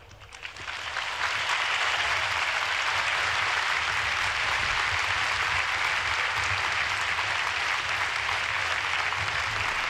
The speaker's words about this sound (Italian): E questo grande applauso di la gente che gremisce lo stadio Arena di Lampedusa conclude l'omelia del Santo Padre.